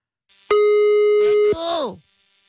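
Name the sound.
telephone ringing tone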